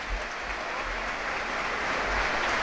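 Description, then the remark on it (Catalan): A large stadium crowd at a football match applauds steadily as a Newcastle player leaves the pitch on a stretcher. A dense wash of clapping from many hands holds at a consistent level and swells slightly toward the end. “Ovació per a... El jugador del Newcastle que abandona el terreny de joc en llitera.”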